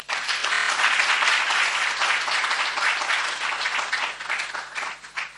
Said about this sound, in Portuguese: Eu queria também pedir mais uma salva de palmas, que é um feito inédito.